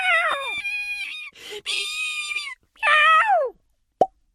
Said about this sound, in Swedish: Plopp! Fröet stängde in sig i nöten igen.